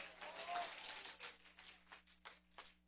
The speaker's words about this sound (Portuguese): Pode exaltar o Senhor com palmas.